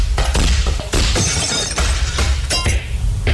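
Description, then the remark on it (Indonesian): Glass from a window shatters loudly, a burst of crashing followed by bright, tinkling shards scattering and clinking for a few seconds, with no voices. “Arum, kacanya pecah.”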